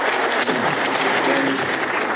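A steady wash of audience applause as an 80-year-old artist leaves, many hands clapping densely and continuously at an even, fairly loud level for the whole stretch, with no voices standing out.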